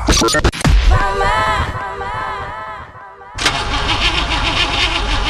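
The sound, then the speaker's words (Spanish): A car engine whose oil has run out cranks and sputters as someone tries to start it, the starter whirring in repeated bursts before catching into a rough, loud rumble. “¿Otra vez tu auto fregado? Sí, el aceite se acabó.”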